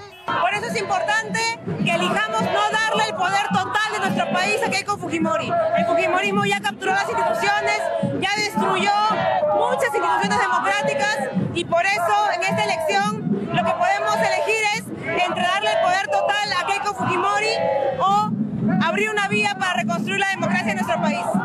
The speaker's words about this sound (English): The march, convened by a coalition of civic groups, student organizations, labor unions, and human rights activists, drew crowds chanting, "Keiko won't make it," and carrying banners with slogans including, "Keiko is chaos."